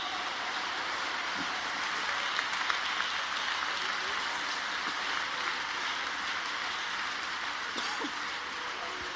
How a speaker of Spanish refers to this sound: Dele ese aplauso, mi Dios santo.